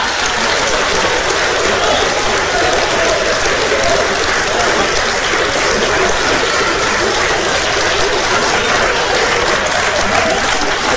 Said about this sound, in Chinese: 我要把他的原料说出来，保证朋友们是雷鸣般的掌声。